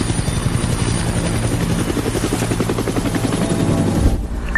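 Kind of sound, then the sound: vehicle, helicopter rotor noise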